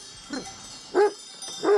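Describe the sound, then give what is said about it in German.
A mountain sheepdog in the Serra barks three times at a steady, unhurried pace. The first bark is softer, the next two louder, over a faint constant background hiss. “Sie sind so ursprünglich wie die Hunde hier.”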